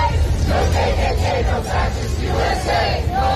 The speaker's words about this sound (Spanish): Ni KKK, ni fascistas, ni ICE se escucha gritar mientras en las pancartas se exige dejen de ejecutar a miembros de la comunidad.